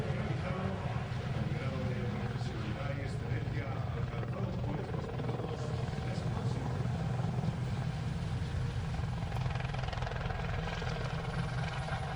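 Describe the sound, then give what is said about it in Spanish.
A helicopter roars steadily and loudly at an air show, demonstrating its maneuverability, its rotor thudding in a fast chopping rhythm while the engine pitch shifts slightly as it maneuvers, with voices talking over the noise. “Ahí nos está demostrando la maniobrabilidad y la gran capacidad de movimiento que tiene este helicóptero.”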